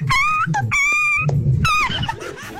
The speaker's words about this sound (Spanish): Oye, pero pisaron ese perro, le pisaron la cola, ¿o qué le hicieron al perrito?